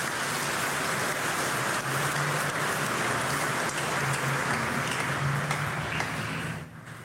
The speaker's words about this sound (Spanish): Un aplauso a Dios que nos ama.